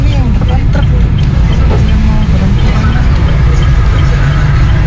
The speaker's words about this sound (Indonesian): Truk gandeng muat tebu.